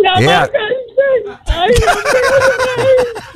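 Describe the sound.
A man crying up close, his voice breaking into wavering, drawn-out sobs with sharp breathy catches in between, fairly loud and continuous throughout.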